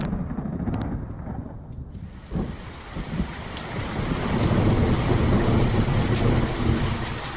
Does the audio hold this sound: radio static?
no